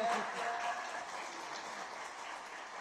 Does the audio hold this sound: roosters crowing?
no